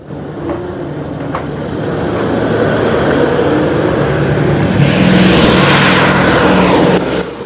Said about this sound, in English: They look up to see two of the B-17s coming into land.